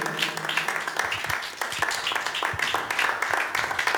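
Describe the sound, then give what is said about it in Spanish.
A church audience claps together in a steady, dense burst of applause lasting several seconds, answering a preacher's call to clap during a Spanish-language sermon. Many hands overlap into a fairly loud, even patter, with faint voices underneath. “Amén, hermanos, démosle palmas si estamos entendiendo.”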